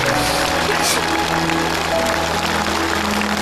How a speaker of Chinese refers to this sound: 你们其实是帮助一个离开家的孩子重新找回了家，你们帮助了一次团圆，我们应该给你鼓掌。